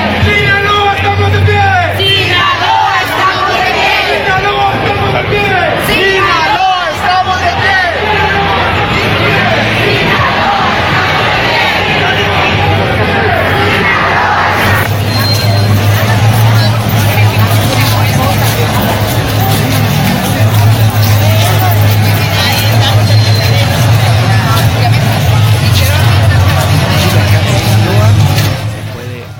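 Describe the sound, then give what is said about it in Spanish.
A large crowd dressed in white at a street peace march in Sinaloa chants and shouts "¡Sinaloa, estamos de pie!" together outdoors, many voices blending into a loud, continuous roar, with a low engine-like rumble underneath throughout. “Y la marcha, pues hubo también pues mucha gente que al grito, esto fue lo que decía un poco la gente en las calles.”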